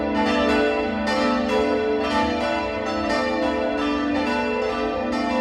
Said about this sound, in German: Der Campanile steht frei neben der Kirche und beherbergt das Glockenquartett, das auch heute erklingt. Das Mittagsläuten aus Hammelburg.